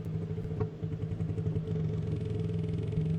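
Loud sperm whale clicking played through a phone speaker, the clicks coming so fast they blur into a continuous low, buzzing rattle, like a droning motor, lasting about three seconds with no talking. Sperm whales are the loudest animals, clicking at 230 dB.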